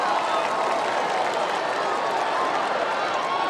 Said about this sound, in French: Et Giandino Trump, quelle bonne décision. Vous entendez la réaction de la foule qui apprécie.